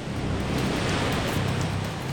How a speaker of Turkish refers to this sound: Duyuyor musun? Dalga sesleri mi? Evet öyle. Kesinlikle dalga sesi.